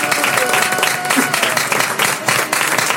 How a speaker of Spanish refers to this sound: Alaben a Dios, pueblo del Señor. Dale palmas a Cristo, dale palmas a Cristo.